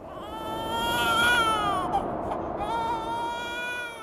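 In a scene from a Bolivian film, a newborn baby, just delivered without a hospital, cries steadily and loudly in the Andes mountains, its wailing voice rising and falling in pitch through several drawn-out, strained cries with brief catches of breath.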